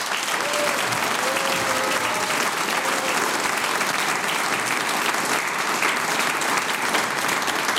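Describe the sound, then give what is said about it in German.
Steady, dense applause from a sizable audience thanking a music ensemble at an evening event fills the whole stretch, a continuous wash of clapping at even loudness with faint murmurs of voices underneath. “Ich bedanke mich mit einem großen Applaus bei der wunderbaren ….”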